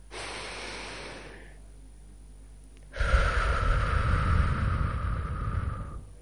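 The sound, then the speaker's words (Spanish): A long, airy breath drawn in, a short pause, then a louder, rushing exhale, as a group of people holding hands take one deep breath together. “Vamos a hacer una respiración profunda.”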